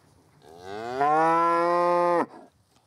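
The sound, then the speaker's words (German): A single long, loud moo from a cow waiting for her calf, rising in pitch and holding steady for over a second before cutting off abruptly, with no talking. “Und die wartet auf ihr Kalb. Das ist so, wo ist mein Kalb?”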